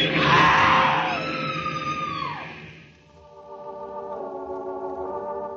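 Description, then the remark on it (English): A woman on a train platform lets out a loud, shrill scream lasting a couple of seconds, its pitch sliding downward, followed by a steady high-pitched metallic screech as a train grinds to a stop, with no talking. “A woman screams.”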